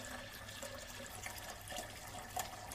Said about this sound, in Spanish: Con su mano comienza a buscar la llave de agua. Y la abre.